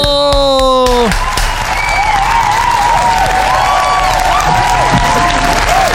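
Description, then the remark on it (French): A brief tonal sting gives way to loud, sustained applause from a large crowd, dense clapping mixed with cheers and a few whistles, continuing for several seconds. “Ça mérite un tonnerre d'applaudissements, s'il vous plaît.”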